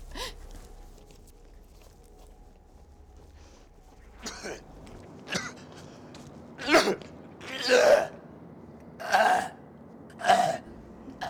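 A man with a sore throat coughs repeatedly, a few short harsh hacks building into a series of loud, chesty coughing bursts, with throat-clearing sounds in between and no talking.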